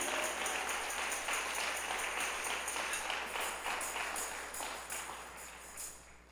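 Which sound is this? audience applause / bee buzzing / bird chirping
audience applause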